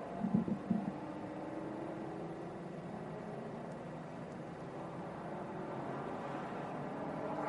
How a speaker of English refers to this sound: Busy campgrounds as well here this weekend. Getting a wake-up call from Pilot Challenge MX-5s and now these Mustang Challenge cars.